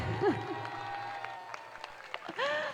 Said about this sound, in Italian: E poi grazie anche a tutti voi, si è sentito il calore con questo applauso, ma ne facciamo un altro, è anche più forte.